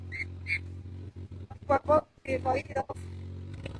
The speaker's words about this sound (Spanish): Ahí están rugiendo los motores. Rugen los motores en Muyurina, Ayacucho, rumbo a Andahuaylas en esta etapa 3 de Caminos del Inca 2026.